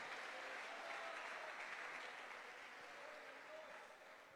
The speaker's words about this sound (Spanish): Yo creo que usted puede brindarle un aplauso fuerte a nuestro Dios en esta hora.